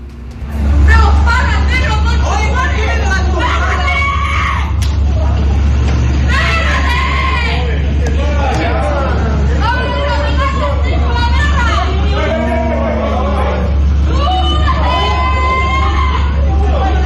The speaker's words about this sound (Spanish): pero yo primero quiero que ustedes escuchen el audio ambiente de esta pelea que se generó en horas de noche en este mismo lugar acá en La Cisterna.